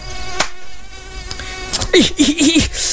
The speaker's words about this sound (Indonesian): Nyamuk ngedengung mulu dari tadi, kagak capek apa ya?